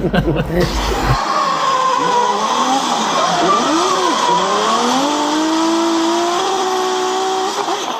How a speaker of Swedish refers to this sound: Drifting, en växande motorsport som går ut på att sladda med bilar på en bana.